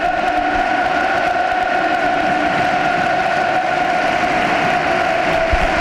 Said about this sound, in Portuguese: E ora pelo aplauso dos adeptos do Futebol do Porto e também dos jogadores aos adeptos.